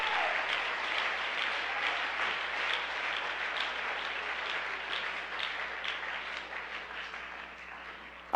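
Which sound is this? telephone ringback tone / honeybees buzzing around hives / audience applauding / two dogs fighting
audience applauding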